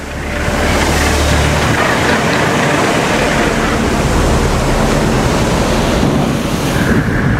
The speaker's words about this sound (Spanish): Porque la combinación de las influencias de la tierra y el mar y las fuerzas de lavado de las olas hacen que éstas estén entre las aguas más ricas en nutrientes de la tierra. Esta es la zona de surf.